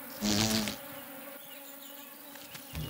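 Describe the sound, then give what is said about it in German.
A cuckoo wasp, searching for another insect's nest to lay its eggs in, buzzes in a loud burst by wild bee nest burrows in a loess wall in Germany; its hum then fades into a quieter, steady drone before swelling briefly again at the end. “Die Goldwespe sucht ein fremdes Nest, in das sie ihre Eier legen kann.”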